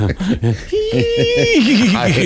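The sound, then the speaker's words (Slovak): A man's voice imitates a horse's whinny: a few short throaty sounds, then a held high note that breaks into a loud, rapidly quavering trill. “Koňa.”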